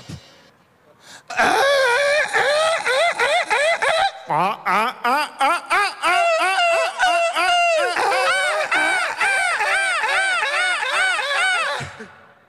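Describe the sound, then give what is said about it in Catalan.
Several people loudly imitate seagull calls together at a European seagull-imitation contest, broadcast live on RAC1's Versió RAC1 from Plaça Catalunya: a dense, continuous chorus of rising and falling squawking cries lasting about ten seconds, energetic. “Òscar, jo diria, Òscar honorífic i guanyadors morals d'aquest concurs europeu d'imitadors de gavines.”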